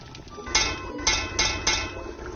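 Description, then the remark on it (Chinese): Four sharp metallic knocks on the rim of a dingguan cooking pot holding sour soup, evenly spaced at moderate volume, knocked to signal the food is cooked and ready to eat, over a steady low background hiss like simmering liquid. “您最后敲两下这个锅边是什么意思？”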